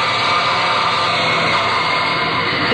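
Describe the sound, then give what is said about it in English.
A loud, steady roar of industrial machinery fills an airplane factory assembly line in Texas building fighting planes, a dense continuous din of assembly line work with no pauses and no voices. “Sure would like to hear the sound of all the work going on in the plane factory, Becker.”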